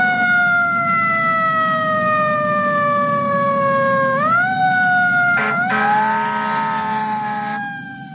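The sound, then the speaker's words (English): A loud ambulance siren wails, its long tone sliding slowly downward before sweeping back up, with a brief harsh burst layered in near the end over a low engine rumble. “Somebody call an ambulance! 911! 911!”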